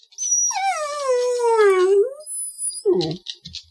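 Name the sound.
dog howling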